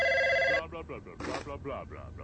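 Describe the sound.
A telephone rings once, a loud, bright electronic trill lasting about half a second, then cuts off as a person starts talking.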